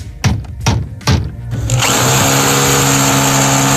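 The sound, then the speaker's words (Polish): During a home renovation, a few heavy thuds, as if hammering, give way to a power drill whirring loudly and steadily, with sustained tonal bands and no speech. “Oj tak, no właśnie, remont.”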